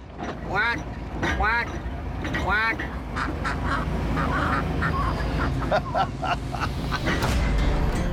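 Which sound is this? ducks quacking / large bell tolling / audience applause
ducks quacking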